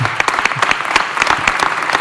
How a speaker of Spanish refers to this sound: Fuerte aplauso para Pablo Juan Arena.